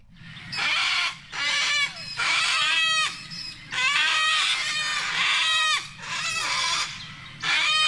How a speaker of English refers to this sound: They're just one of our most musical birds, the sulfur-crested cockatoo that has been causing havoc on the surf coast, stealing food from people at restaurants, in lawn, opening up the bins, spreading the rubbish everywhere.